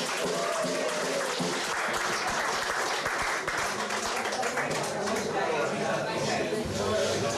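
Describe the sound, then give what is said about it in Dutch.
Steady, dense applause from an audience for Marieke, a singer, a continuous wash of many hands clapping at once with some crowd murmur mixed in. “Applaus voor Marieke!”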